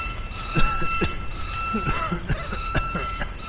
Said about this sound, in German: schalte Alarm aus.